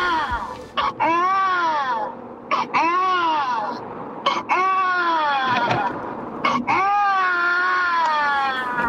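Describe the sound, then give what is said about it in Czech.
An adult voice imitates a baby crying: four long, loud, wavering wails, each broken by a quick gasping breath. “To je pláč miminka. Takže někdo napodobuje dospělej pláč miminka.”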